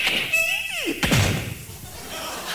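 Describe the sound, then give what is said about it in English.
A voice imitates a door: a drawn-out descending creak followed by a single sharp, heavy slam, then a brief fading rumble, fairly loud. “They open the door and go in.”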